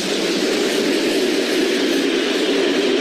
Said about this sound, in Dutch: Zo waren we gereed tegen dat onze trein aan het remmen ging in het station van Alexandrowo.